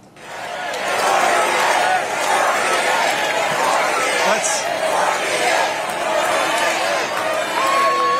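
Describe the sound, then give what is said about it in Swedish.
A large convention audience in Dallas roars and shouts continuously during a vice presidential speech, many voices blending into a loud, sustained din with rising swells of cheering and chanting that he should become the 48th president, filling the whole stretch without a break. “Och det lät rätt mycket som en uppladdning för 2028 när publiken skanderade och skrek att han skulle bli den 48:e presidenten.”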